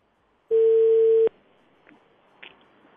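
A single loud, steady telephone ringback tone sounds for just under a second, then cuts off, leaving quiet line hiss with a couple of faint clicks. No one speaks.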